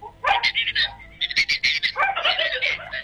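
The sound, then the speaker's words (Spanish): A dog barks and yelps in a quick, uneven series of sharp, high-pitched bursts, loud, with only brief gaps between them. “Mira, hasta el perro le está respondiendo, ¿ah?”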